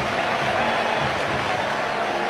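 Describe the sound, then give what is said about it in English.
A baseball stadium crowd roars in a steady, dense wash of cheering as the Cubs score a run on Alex Bregman's base hit to go up 6-1. It holds at a constant loud level throughout, with no clear individual voices standing out. “Listen to this crowd.”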